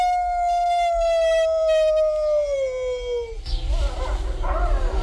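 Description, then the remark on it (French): A single loud wolf howl holds a clear tone for about three seconds, slowly sliding down in pitch before breaking off into a rough, breathy rustle. “on a de la chanson. Oui. Eliott. Eliott, c'est le grand timide aussi, parce qu'il y a deux sortes de loups”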